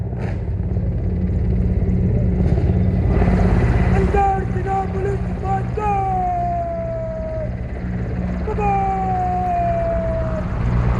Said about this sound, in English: And now we can see that the two MI-17 helicopters, one carrying the national tricolor, are Pri, and the other displaying Vande Mataram written, showering petals all across this Red Fort area, and every eye is looking towards the sky